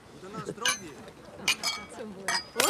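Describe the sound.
Several bright glass clinks ring out as people toast each other, amid lively overlapping voices, a few quick taps spread across the moment with short shimmering tails, partly buried under the chatter.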